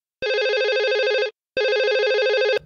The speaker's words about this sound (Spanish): Suena el rotafono de RPP. Lo contestamos inmediatamente.